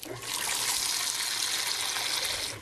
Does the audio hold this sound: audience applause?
no